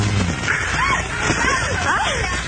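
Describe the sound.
Water sloshes steadily inside a water bed, a continuous wet rolling and swishing at moderate loudness, with indistinct voices murmuring underneath.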